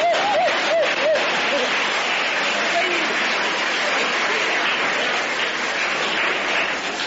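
A table tennis crowd, many standing, cheers and applauds in a dense, steady roar for about seven seconds as Chinese player Zhuang Zedong wins the first game, with a few rising, wavering shouts cutting through at the start.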